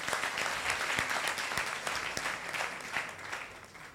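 A crowd applauds steadily for a woman as she comes up, dense overlapping claps forming a continuous wash of sound at moderate loudness, with a few sharper individual claps standing out. No one speaks over it.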